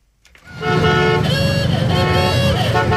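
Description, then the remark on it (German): About 300 vintage cars from the past 100 years rumble loudly past on a street in Springfield during the Route 66 centennial celebration, engines chugging while horns toot and blare over the noise, rising suddenly after a brief quiet start. “300 Autos aus den vergangenen 100 Jahren knattern durch Springfield.”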